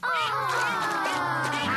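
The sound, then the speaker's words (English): A duck, Mrs. Duck, quacks steadily, with a busy chorus of her ducklings' calls overlapping throughout. The calls are continuous, with no speech. “It is Mrs. Duck and her ducklings.”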